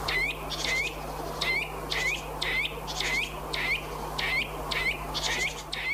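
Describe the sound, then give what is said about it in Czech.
A Eurasian nuthatch sings a fast, steady series of loud, clear whistled notes, about two per second, repeated throughout over a faint low hum and background hiss. “Tak pak tady máme brhlíka lesního.”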